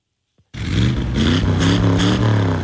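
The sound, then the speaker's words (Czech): Loud, rumbling engines of classic American cars start abruptly after a brief silence and rev continuously with a deep throaty growl and pulsing surges, at a meeting of about 250 cars in the castle park in Pacov. “Na 250 vozů s burácejícími motory dnes ozdobilo zámecký park v Pacově.”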